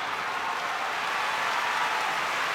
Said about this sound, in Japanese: 今館内から大きな拍手です。